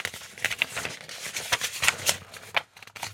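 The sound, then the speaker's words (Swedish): Paper rustling and pages being flipped in a binder to find a quiz question, a continuous crinkly shuffle with brief sharp crackles, no one speaking. “Nu blir det lite prassel här i pärmen.”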